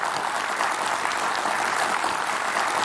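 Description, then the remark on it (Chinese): Sustained audience applause for Chinese film workers fills the whole stretch, a dense, even wash of many hands clapping at steady loudness with no voices standing out. “我想我们这一刻真的应该再次把掌声送给我们中国的电影工作者，他们的努力，他们的用心。”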